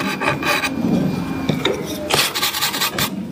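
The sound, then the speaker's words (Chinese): A craftsman hand-carves decorative patterns in wood with a rasp in a rosewood (hongmu) furniture workshop, a series of dry, gritty scraping strokes in an uneven rhythm, some bursts sharper and brighter than others, with no voices. “我们看到这现在这个师傅啊，正在我们旁边做上这个雕花了。”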